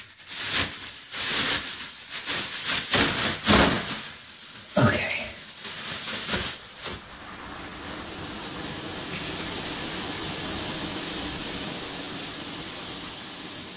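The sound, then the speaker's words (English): A shower runs with a steady, even hiss of spraying water, preceded by several seconds of irregular bursts and clatter and a single short spoken word. “And then, I guess, jump in the shower.”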